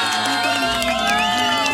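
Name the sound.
audience applause and cheering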